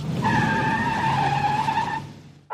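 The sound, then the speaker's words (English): A car's tires screech loudly in a sustained skid lasting about two seconds over rumbling engine noise as the car swerves past a bus, then fade abruptly, followed by a short burst of noise. “I'm just going to pass the bus up.”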